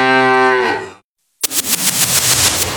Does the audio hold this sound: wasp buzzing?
no